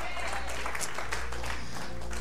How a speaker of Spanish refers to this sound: Denle el aplauso fuerte a Él.